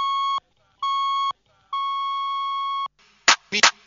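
Three clear electronic beep tones: two short pips followed by one longer sustained beep, loud, then a couple of brief noisy bursts at the end.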